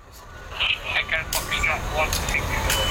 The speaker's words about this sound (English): On an industrial estate, a couple of miles from the CBS arena, the police are launching a small drone into the air to keep an eye on things from above.